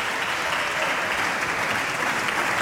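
Steady, dense applause from many hands in a Portuguese parliamentary session, a continuous crackling wash of clapping that holds an even loudness throughout without any voices rising above it.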